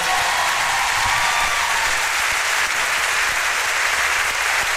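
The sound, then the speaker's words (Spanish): A crowd claps steadily in sustained applause for musicians after a semi-acoustic segment of a live show, a dense, even wash of many hands that holds at a constant loud level throughout, with no voices standing out. “Muchísimas gracias por los aplausos, gracias por el cariño.”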